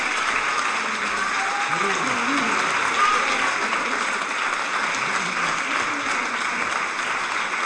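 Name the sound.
audience applause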